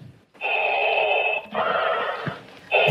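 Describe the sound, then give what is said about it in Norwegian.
A Darth Vader-style mechanical breathing imitation at a city council meeting in San Diego, California: loud, raspy hissing breaths in long, steady pulls, three in a row, each a rough, filtered rush of air with no talking. “Her kommer han inn med sin ikoniske pusting.”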